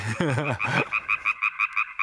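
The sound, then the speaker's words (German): A frog croaks, starting with a rough, throaty burst and then a quick, even run of about eight short chirping pulses. No one speaks. “Da hat ein Frosch gequakt.”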